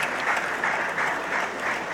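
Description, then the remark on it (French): Steady applause from a large audience of invited guests in a grandstand in Nice, applauding Emmanuel Macron as he arrives; a dense continuous patter of many hands clapping at an even loudness throughout, with no voices standing out. “Et puis Emmanuel bien sûr, Macron, Macron applaudi par les invités en tribune.”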